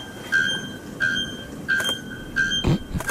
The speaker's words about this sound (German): Klingt ein bisschen wie eine rostige Schaukel. Ist aber der lauteste Vogel der Welt. Bis zu 120 Dezibel hat er drauf. Der Nacktkehl-Glockenvogel. Laut wie ein Presslufthammer.